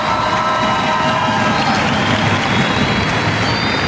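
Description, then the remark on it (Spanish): A crowd applauds and cheers loudly for grandmothers, a dense, steady wash of clapping with high-pitched cheers and whistles running through it for the full four seconds, without a break. “Un aplauso por todas nuestras abuelas.”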